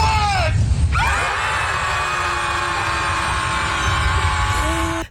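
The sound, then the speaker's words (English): A crowd of people on a jetty screams loudly in unison after a countdown, letting go of their worries, a sustained mass of overlapping voices that holds for several seconds before cutting off abruptly. “Just scream. And then throw the biodegradable paper in the water.”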